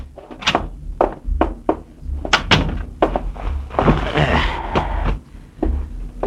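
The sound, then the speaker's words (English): A door is opened and shut, with a series of sharp wooden thuds and clunks from the handle and frame, followed by a brief muffled rustle. “Yeah, get the door, will you?”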